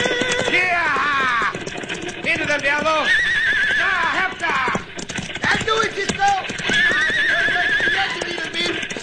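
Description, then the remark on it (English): Several runaway horses whinny loudly and repeatedly over a steady rush of galloping hooves near the edge of a bluff, while a man shouts urgently above the commotion. “Have to lie between the runaway horses and the edge of the bluff.”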